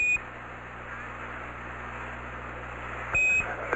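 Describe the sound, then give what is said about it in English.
A short, high electronic computer alarm beep aboard the spacecraft Eagle during descent, at about 27,000 feet altitude, sounds at the start and again near the end, set against a steady low hum and static hiss; the alarm comes up when a 1668 is up. “Same alarm, and it appears to come up when we have a 1668 up.”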